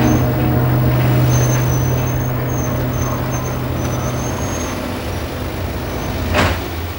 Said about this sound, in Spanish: Mete el coche en el garaje de la casa.